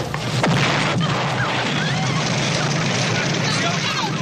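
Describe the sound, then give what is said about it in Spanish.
A loud bomb blast in a film's opening scene erupts, with sharp cracks near the start followed by a sustained roar of debris and rumbling chaos, with indistinct crowd commotion mixed in throughout. “Eso se interrumpe dramáticamente por el estallido de la bomba.”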